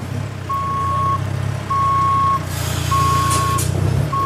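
Vans, large semi-trailer trucks and forklifts rumble at a festival ground being set up like a big construction site, with power generators being unloaded one after another, while a reversing alarm beeps in steady, evenly spaced high-pitched tones, with a brief hiss like an air brake partway through.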